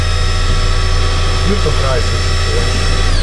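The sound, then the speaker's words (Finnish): A coffee machine's grinder, out of beans, whirs loudly and steadily, its motor drone holding an even pitch with no grinding crunch as it spins empty. A faint voice briefly murmurs beneath it. “Kahvinkeittimestä, mikä tää on? Pavut on loppu.”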